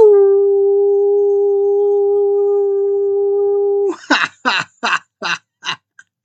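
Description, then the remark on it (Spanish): A person imitates a dog's howl, holding one steady, loud note for about four seconds, then breaking into six short, evenly spaced yipping barks. “Y les envío un aullido.”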